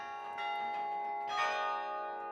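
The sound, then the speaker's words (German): Tower bells ring out together, played through a mechanism of iron or wire running up to the bells and heard across the whole city centre, their overlapping notes forming a dense, sustained wash of bright metallic tones, with fresh strikes at intervals adding swells of loudness. “weil man muss hier eine ganze Mechanik aus Eisen oder Draht in Gang setzen, die dann bis da oben hingeht.”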